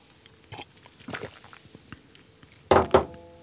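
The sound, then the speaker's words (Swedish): A person reading the coastal weather report takes a drink of water: a few soft mouth and lip sounds, then two louder gulps near the end, with no talking. “Och jag tar med en klunk vatten.”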